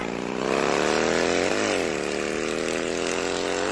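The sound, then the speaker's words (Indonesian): A motorcycle engine runs loud with a buzzing, harmonic drone, briefly dropping in pitch mid-way before climbing again as it revs steadily on, with no voices, as a child rides the motorbike away. “Aduh, anak itu mau kemana lagi? Kecanduan banget nih kayaknya sudah. Aduh, bawa motor terus lagi.”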